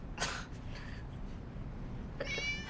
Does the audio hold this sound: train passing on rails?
no